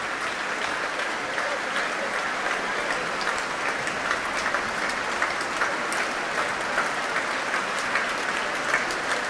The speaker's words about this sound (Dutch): Een groot applaus hier nog steeds voor Klaus Mäkelä en voor de muzici van het Concertgebouworkest.